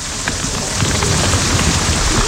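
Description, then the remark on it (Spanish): Steady, dense hiss of very heavy hail pelting down during a thunderstorm, with a deep thunder rumble rolling in underneath partway through and lingering to the end. No voices. “Fijaos que el trueno que va a pegar en nada, a ver si suena.”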